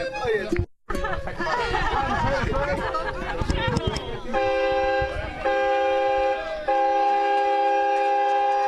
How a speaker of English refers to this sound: Once there was the whistle of a steam train carting logs to Warrigal for processing